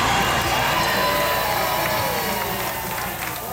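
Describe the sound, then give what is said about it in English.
A large outdoor crowd of NFL fans at Federation Square in central Melbourne, Australia, cheers and roars steadily as the 49ers win over the Rams, a dense wash of shouting voices that stays loud throughout with no single speaker standing out. “At Federation Square in central Melbourne, a sea of red erupted as the 49ers claimed victory over the Rams.”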